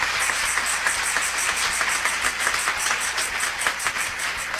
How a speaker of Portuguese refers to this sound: Merece uma forte salva de palmas.